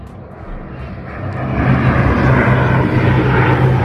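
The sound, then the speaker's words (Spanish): A firefighting airplane drones overhead during a wildfire near the village of Las Minas in the sierra, where nearby towns were being evacuated; its engine roar swells louder over a few seconds into a steady, broad rumble with a low propeller throb, and no voices. “Poco después empezaron a pasar los aviones.”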